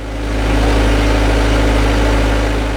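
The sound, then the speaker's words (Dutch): A steady, loud engine drones throughout, with a deep low-pitched hum and even mechanical rumble, like heavy farm machinery running continuously without pause. It is a potato harvesting machine on potato fields in Japan during potato season, with a group of Filipino and Japanese workers on it separating the potatoes. No voices are heard. “Op de oogstmachine staat een groepje Filipijnse en Japanse werkers de aardappelen te scheiden”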